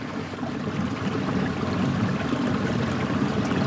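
A steady, continuous rush of flowing river water, even in loudness throughout, with no voices present.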